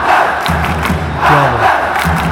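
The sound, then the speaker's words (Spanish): A crowd, urged to shout louder, shouts loudly in a sustained, dense roar, many voices blending together, with strained raised tones that swell and rise in pitch near the end. “No, grite más fuerte.”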